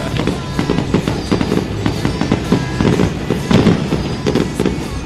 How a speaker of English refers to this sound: So at the end, we are told it's going to be this just remarkable explosion of brilliance. The new Italian fireworks they brought in for this.